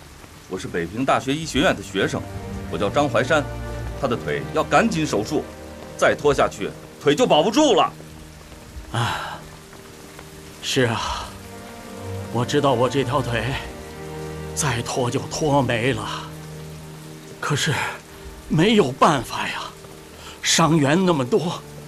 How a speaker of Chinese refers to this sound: 下雨了，快走啊！